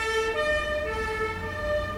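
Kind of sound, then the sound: vehicle, police van siren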